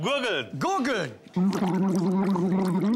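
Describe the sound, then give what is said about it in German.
A person makes a few sliding vocal tones, then gargles steadily in a loud, bubbling, buzzy voiced drone for roughly the last second and a half. “Gurgeln.”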